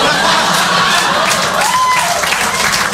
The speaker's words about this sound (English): I'm a left-wing lunatic, and don't applaud that.